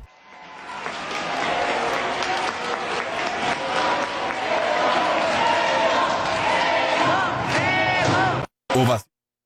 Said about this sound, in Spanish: Así fue la ovación. Hoy estuvo en grande, estuvo seria. Qué bueno, se lo merece Memo Ochoa